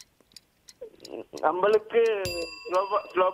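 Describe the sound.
A quiz bell gives one bright, sharp ding partway through, its high ringing overtones lingering for about a second while people keep talking around it.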